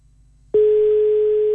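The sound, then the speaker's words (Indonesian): A single burst of telephone ringing tone, a steady electronic hum lasting about a second before cutting off, loud over a quiet background, with no one talking; the phone call goes unanswered. “Belum diangkat. Coba ya, kita telepon mereka berdua.”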